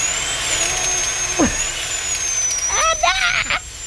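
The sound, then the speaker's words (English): A dental drill whines steadily at a high, thin pitch throughout, with short muffled vocal sounds breaking in briefly partway through and near the end. “The drill. Oh, dentistry.”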